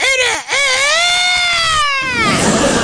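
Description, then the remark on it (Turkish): A person imitates a rooster's crow with a loud, drawn-out vocal call: a short rising yelp, then a long sustained note that wavers and trails off. No other talk is heard. “O zaman şimdi bir horoz gibi ötüyoruz.”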